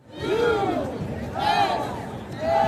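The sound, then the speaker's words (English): A rowdy stadium crowd of more than 70,000 at a FIFA World Cup soccer match between the U.S. and Turkey in sunny Los Angeles, Southern California, roars steadily, with massed voices swelling together in repeated rising-and-falling chants about once a second, loud and continuous throughout. “It was a rowdy crowd of more than 70,000 who turned out in sunny Southern California to see the rare World Cup game that didn't really matter.”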